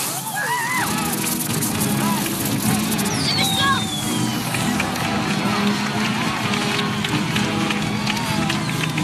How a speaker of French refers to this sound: Vous entendez cette ambiance de fête avec ses fanfares et cette foule joyeuse ? C'est la première scène du film « Né un 4 juillet », réalisé par Oliver Stone et sorti en salle en 1989.